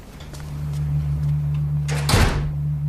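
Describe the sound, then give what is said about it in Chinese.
A door swings shut with a single solid thud partway through as an elderly couple leaves, over a steady low electrical hum that runs underneath the whole time. No one speaks. “老两口出门后，张世兰立刻跑到窗口”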